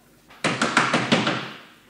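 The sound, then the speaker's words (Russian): A door bursts open with a sharp thump as a female concierge enters, followed by a quick series of rattling knocks that fade out over about a second. “Дверь распахивается, входит привратница.”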